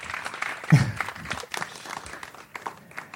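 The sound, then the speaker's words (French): A burst of audience applause on a radio show, dense overlapping hand claps forming a steady crackling wash that stays fairly even for about three seconds, with no voices on top. “On peut l'applaudir, même si on est à la radio.”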